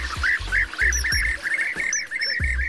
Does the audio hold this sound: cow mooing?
no